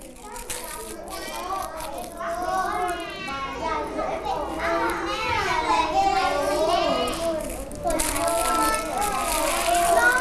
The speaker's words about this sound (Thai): เวลาที่เด็กๆทำศิลปะเด็กๆจะเสียงดังอย่างนี้ได้ไหมเพราะอะไร